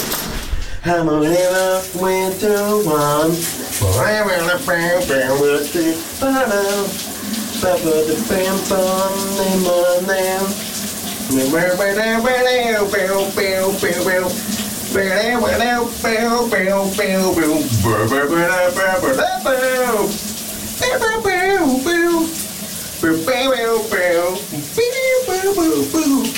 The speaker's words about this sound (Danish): han har taget et koldt brusebad her til morgen og sunget et dejligt, varmt 80'er hit. Kan du høre, hvad det her er for en sang?